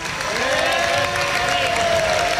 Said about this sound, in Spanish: Les quiero dar un aplauso muy fuerte a la familia.